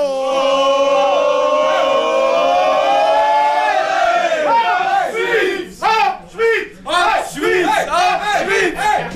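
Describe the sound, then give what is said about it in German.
A crowd in the small town of Brunnen lets out a long, loud, sustained collective optimism shout in support of Switzerland. After a few seconds it breaks into rhythmic rising-and-falling chanted cheers in quick bursts. “Wir probieren noch schnell zu ringsherum einen Optimismus-Schrei, ein Hopp-Schweiz oder eine Welle zu schicken.”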